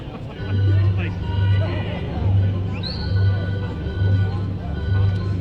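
A high, rising whistle cuts through a steady murmur of crowd noise a couple of times, above a low, rhythmically pulsing rumble.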